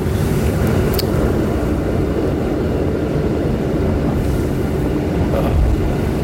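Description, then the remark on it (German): An old tram in Warsaw rumbles along with a loud, steady, low roar, wheezing and creaking, broken by a brief high squeal early on and rattling, creaking noise throughout. No one speaks. “Schnauft, krächzt und krachtet noch so richtig.”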